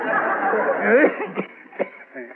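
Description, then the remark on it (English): A rough, hacking cough, fairly loud, sputters through a raspy stretch and then breaks into a few sharp, separate bursts, with a strained, voiced edge between them. “Hey, that's a bad cough you got there.”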